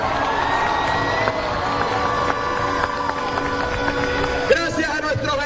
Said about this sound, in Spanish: Un aplauso para ellos.